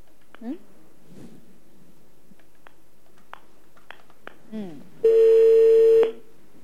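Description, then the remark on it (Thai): Brief voice sounds and a few soft clicks, then a loud, steady home landline telephone dialing tone rings out for about a second near the end before cutting off abruptly. “ฟิลแบบกดโทรศัพท์บ้าน”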